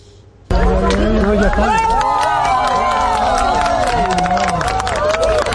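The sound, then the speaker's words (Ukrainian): A dense outdoor crowd of spectators gathered beneath the observatory in Arcos de las Salinas, Spain, to watch a rare total solar eclipse murmurs and chatters continuously, many overlapping voices forming a steady hubbub that starts abruptly after a brief quiet moment and stays loud throughout. “Натовпи глядачів збираються під обсерваторією іспанського міста Аркос де лас Салінас, щоби побачити рідкісне затемнення.”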